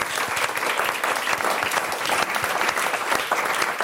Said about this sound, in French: Est-ce qu'on applaudit déjà, s'il vous plaît?